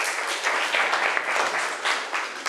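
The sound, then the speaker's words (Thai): A class of students clapping for their classmates in group 3, in steady, dense applause that holds at an even loudness throughout, with no voices standing out. “นักเรียนค่ะขอบคุณกลุ่มที่3มากๆเลยปรบมือให้เพื่อนอีกหนึ่งครั้งค่ะ”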